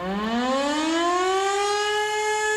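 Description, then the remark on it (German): A civil defense siren winds up from a low pitch into a steady, loud wail, its rich harmonics rising and then holding level. No voices, just the continuous mechanical tone. It is sounded in the annual civil protection test alarm, when all sirens in Tyrol and across Austria are tested. “Morgen ist Zivilschutzprobealarm. Wie jedes Jahr werden auch heuer wieder alle Sirenen in Tirol und in ganz Österreich getestet.”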